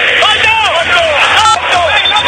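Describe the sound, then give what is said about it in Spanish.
A loud crowd of River Plate fans roars and shouts continuously in the stadium during a football match, a dense wash of many voices with rising and falling chant-like pitches running through the whole stretch. “Grita el pueblo de River, ese para Poncio, mete indicación al León.”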